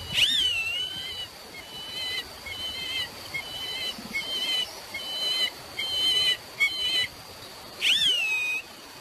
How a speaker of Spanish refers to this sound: Tiene así un sonido, ¿eh? Sí. Así como una especie como de silbidito, como sí. Sí, sí, pero se escucha así muy lejos porque normalmente lo hacen... Este no es un canto que suelen hacer en el nido, sino muchas veces lo hacen cuando están volando